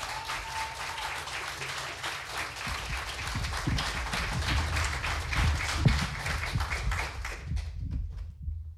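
Sustained audience applause welcoming the next female contestant to the front of the stage, a dense wash of many hands clapping at steady loudness for about seven seconds before cutting off abruptly, with a few whoops and cheers mixed in.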